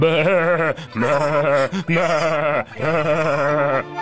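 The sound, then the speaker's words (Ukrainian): Sheep bleat loudly, several wavering, quavering calls following one another almost without pause, urgent and agitated, as the flock scatters in alarm at wolves carrying off a lamb. No talking. “Вівці заметушилися, замекали, кинулися в розтіч.”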